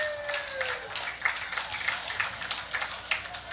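An audience breaks into applause for their forefathers at a gathering marking 181 years since 1845. It is a dense patter of many hands clapping at moderate volume, with a brief high tone fading out at the start.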